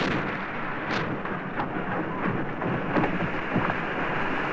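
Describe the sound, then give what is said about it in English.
Campbell's record-attempt speedboat engine roars at full throttle as he pushes the boat to close to 300 miles an hour, a loud, dense and unbroken drone with rough, crackling bursts flaring through it. No voices can be heard. “We're up to full power, Campbell can be heard saying, his voice disappearing behind the engine's roar as he pushes the boat faster than anybody else has ever done.”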